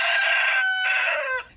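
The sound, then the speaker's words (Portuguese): A gray rooster crows, one loud, strained call lasting over a second with a brief catch in the middle, then cutting off abruptly. No one speaks over it. “Ô galo cinza, tu já ouviu falar do rabo de galo, hein?”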